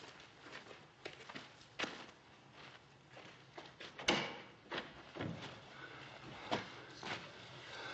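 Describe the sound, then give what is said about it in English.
Footsteps shuffle and scuff across a hard floor, and midway a heavy wooden stable door knocks and creaks open before the uneven steps carry on. Nobody speaks. “Don't close the door so we can hear if anyone's coming.”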